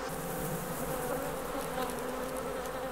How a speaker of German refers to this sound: Anders als ihre Verwandten auf dem Festland wurden diese Bienen nicht darauf gezüchtet, besonders friedlich zu sein. Im Gegenteil, sie sind angriffslustig, robust und wehrhaft.